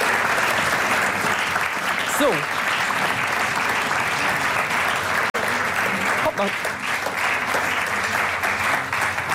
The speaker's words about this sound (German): wir könnt ja noch mal den Applaus proben, so zu sehen, ja, ne?